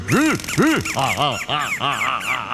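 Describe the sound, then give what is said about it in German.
A loud burst of small birds squawking and chirping, about eight harsh rising-and-falling calls in quick succession, overlapping slightly as they tumble over one another, with no talking. “Fertig ist das Zwitscher-Ikebana.”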